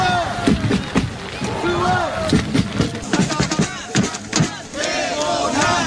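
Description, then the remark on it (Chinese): A joint North and South Korean cheering squad of over 200 groups chants in unison at a match in heavy rain, shouting the names of both teams and their players in rhythmic phrases rising and falling in bursts, loud, with a steady hiss of rain underneath. “在大雨中，联合助威团成员高喊两队队名和球员名字，现场气氛十分热烈。”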